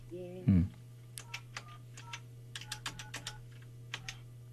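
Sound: telephone being dialed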